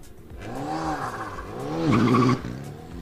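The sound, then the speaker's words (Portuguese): An Alpine rally car, the first Alpine on the stage at the Rally da Calheta, races past, its engine howling as it revs up and down through gear changes, peaking in a loud, rasping roar before the sound abruptly drops away. No voices are heard. “Primeira viatura Alpine no Rally da Calheta.”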